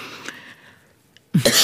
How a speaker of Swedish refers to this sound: Nu blir du så ivrig så du börjar hosta.